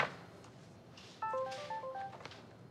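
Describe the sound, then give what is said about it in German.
A mobile phone signals an incoming text message, playing a short, bright electronic melody of quick stepping beeps lasting about a second, clear over a quiet, slightly noisy background. “Hast du einen neuen Klingelton?”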